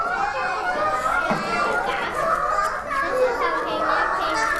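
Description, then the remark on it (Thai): A group of children chatter and shout over one another in a continuous, lively din while doing a class activity, many voices overlapping with no single speaker standing out. “พอเด็กๆเสียงดังคุณครูแพลวไม่มีสมาธิเลยค่ะถ้าเด็กๆเสียงดังเวลาทำกิจกรรมเพื่อนๆจะมีสมาธิไหมคะ”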